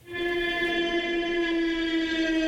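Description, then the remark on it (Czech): A drone flying overhead, demonstrated by the Czech company Neuron Soundware, which works on acoustic drone detection: a steady, loud buzzing holds one pitch with a rich, reedy whine, rising in sharply at the start and sustaining evenly for a couple of seconds with no voices. “Takové zvuky nechcete, abyste slyšeli, že vám to letí nad hlavou, to je přahý dron.”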